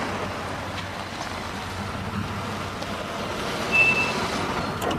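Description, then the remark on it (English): A car rolls slowly into a driveway as Ferris's mom pulls up at her house, its engine a steady low rumble, with a brief high electronic beep near the end. “Later, Ferris's mom pulls up in her driveway.”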